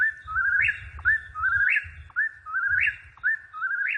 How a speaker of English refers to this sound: Now, I want to play a little bit here of the whippoorwill because we were talking about the sound that they make. So this is what they sound like.